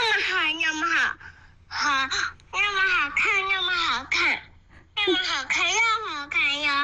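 A toddler babbles in a high, sing-song voice in several lively bursts separated by short pauses, with rising and falling pitch and no adult voices, saying he is looking at lots of posters.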